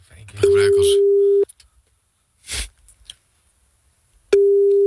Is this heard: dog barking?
no